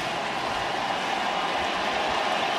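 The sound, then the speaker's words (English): A baseball crowd at Dodger Stadium roars in a steady, unbroken wash of noise that holds at an even loudness throughout, with no single voice standing out. “Crowd making a lot of noise again here at Dodger Stadium.”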